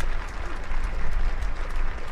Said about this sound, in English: you're going to hear the claps here. They're starting to move the player from both sides of the field.